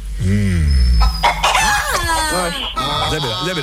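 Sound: chicken crowing sound effect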